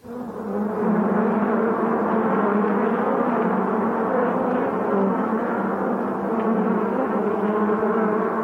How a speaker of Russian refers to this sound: Жадные мухи вгрызаются в тело страдальца. Не беспокойтесь, страдалец давно уже труп.